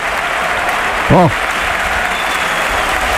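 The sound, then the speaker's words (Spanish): A large bullring crowd on its feet gives a bullfighter a standing ovation after a long chest pass, applauding loudly and steadily, a dense roar of clapping filling the whole stretch, with a single brief shout rising out of it partway through. “Bueno, qué ovación le están pegando.”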